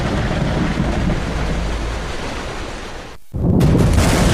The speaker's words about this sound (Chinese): 我最怕大雷，这个雷雨天气怎么避险？